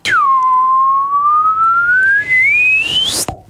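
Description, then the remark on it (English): A slide whistle dips briefly, then glides steadily upward in pitch for about three seconds, loud, ending with an abrupt cutoff. No one speaks. “Can you do the slide whistle up, please?”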